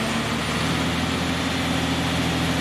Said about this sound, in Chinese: 然而，随着吊车发动机隆隆的巨响，在场所有人的心也跟着悬了起来。